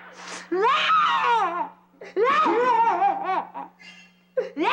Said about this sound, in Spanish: ¿Qué te pasa, amiguita? ¿Por qué estás llorando?